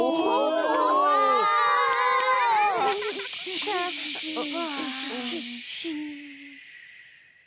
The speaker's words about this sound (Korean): 박수!